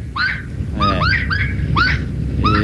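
A saracura wood rail calls loudly in a raucous series of harsh, honking notes, repeated in about five quick bursts over a low, steady rumble of background noise.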